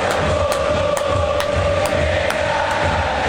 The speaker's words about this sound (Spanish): Y el grito de los hinchas de River Plate.